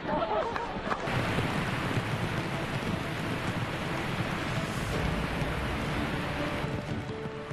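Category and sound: nature, rushing waterfall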